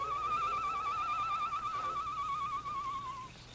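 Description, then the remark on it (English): A single long, trembling night-bird call outside the barred window of a jail cell, a steady whistled tone with a fast warble, clear over a faint background hiss before it fades out. “Shortly after the sheriff and the Perrys had left the Lone Ranger's cell, he heard the low call of a night bird outside the barred window.”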